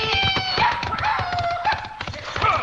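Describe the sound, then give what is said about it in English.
Hooves pound in a fast, rhythmic gallop as the judge's horse is ridden away, with a shrill horse whinny rising over the clatter and a second cry near the end. “Can't risk killing the judge's horse.”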